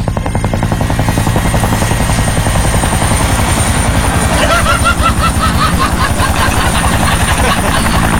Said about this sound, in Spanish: ¿Qué anda haciendo por aquí ese helicóptero, director?